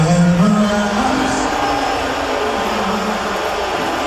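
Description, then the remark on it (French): A large stadium crowd at a sports match boos a politician shown on the giant screen, in a continuous, low, droning roar, loud and steady for the whole stretch, with no break or single voice standing out; filmed from the stands by a fan. “Ah non, il s'est copieusement fait huer, lui.”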